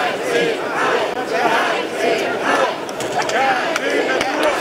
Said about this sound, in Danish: Ja til natur, nej til hegn, bliver der blandt andet råbt af dem, som er utilfredse med, at et 22 km langt hegn, som skal holde elge, krondyr og kastrerede tyre inde i parken.